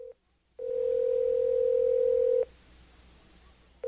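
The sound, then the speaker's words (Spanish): A steady, loud telephone dial tone hums for about two seconds and then cuts off, with faint room hiss afterward and brief clicks or tone blips at the very start and end. “Voy a llamarlo por teléfono.”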